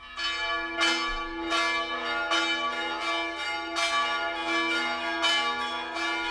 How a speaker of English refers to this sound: Well, I think they're wedding bells, I'm not sure.